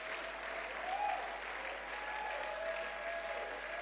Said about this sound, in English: Just make sure you are clapping for God.